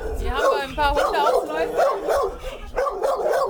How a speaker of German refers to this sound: Die Hunde machen jetzt natürlich Krach, weil ihr alle fremd seid. Ja, die kennen euch alle nicht